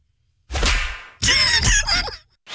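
Loud slap sound effects crack out with a whip-like swish, two in quick succession and a third just beginning at the end, with no talking.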